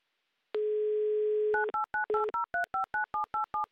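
A steady telephone dial tone hums for about a second, then a quick run of about a dozen crisp two-note keypad beeps as a number is dialed, clear and close with no voices.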